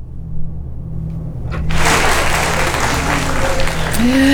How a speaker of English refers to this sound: Well, next up, guys, I've got some applause.